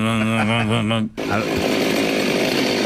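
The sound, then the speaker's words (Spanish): A loud chainsaw engine wavers and revs with a pulsing whine for a second, then abruptly breaks into a dense, full-throttle roar that holds steady to the end. “Vamos a escuchar primero la motosierra.”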